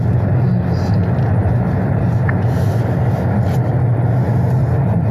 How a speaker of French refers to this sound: Il est 9h30. Nos journalistes pénètrent en voiture dans le quartier des Cévennes, où des guetteurs sont déjà en place.